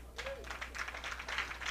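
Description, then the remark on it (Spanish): An audience applauds, a dense, steady patter of many hands clapping for a couple of seconds, with a faint low hum underneath and a brief tonal squeak near the start. “Que esos aplausos sea para el Señor.”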